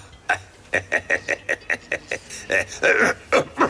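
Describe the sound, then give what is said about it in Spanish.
A rapid run of harsh, hacking coughs, about a dozen short bursts in quick succession, fairly loud, heaving on without pause like a bad coughing fit. “Tienes una tos muy mala, amigo.”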